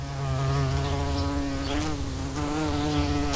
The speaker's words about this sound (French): Ça y est, je l'entends, ton repas. Une petite mouche, ce n'est qu'un amuse-bouche.